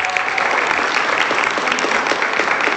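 Steady audience applause for a woman from Mexico City being called up, a dense wash of many hands clapping at an even, loud level throughout, with no voices standing out above it.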